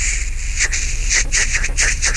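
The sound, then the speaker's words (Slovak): A capercaillie's courtship song in its final whetting phase: a quick series of dry, scratchy hissing strokes, rhythmic like a blade being sharpened, steady and moderately loud with no voices. “Tá sa volá brúsenie. Pripomína to dosť ako brúsenie kosy.”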